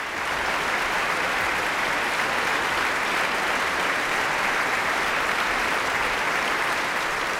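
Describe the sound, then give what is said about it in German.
Sustained, dense applause from a large concert audience after a performance of Beethoven's Symphony No. 6 (Pastoral), cheering conductor Christian Thielemann and the Staatskapelle Berlin; a steady wash of many hands clapping at even loudness throughout, with no voices standing out. “Umjubelt werden Dirigent und Orchester, Christian Thielemann und die Staatskapelle Berlin.”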